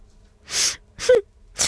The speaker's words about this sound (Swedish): Alltså snyt, snore och torka krokodiltårarna.